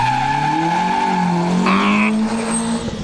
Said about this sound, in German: Morgen und übermorgen laufen doch die deutschen Meisterschaften im Rallye-Cross in der Motorsportarena Oschersleben. Das klingt dann so.